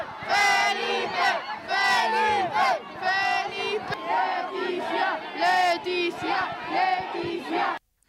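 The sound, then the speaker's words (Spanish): A large crowd at the Plaza de España cheers and chants the names of the king and queen loudly in rhythmic bursts, many voices shouting together in repeated, sustained waves before cutting off abruptly. “Al terminar su intervención, sus majestades se han vuelto a dirigir a la Plaza de España para seguir saludando a los asistentes que seguían vitoreando sus nombres.”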